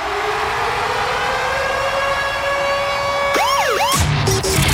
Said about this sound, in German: Da kommt immer wieder der grosse Konzertsummeralarm in unserer Morgenshow.